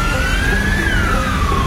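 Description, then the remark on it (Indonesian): An ambulance siren wails loud with a slow rising and falling tone, riding over a steady low rumble of traffic, with no voices. “Ikutin belakang ambulans aja deh biar cepet.”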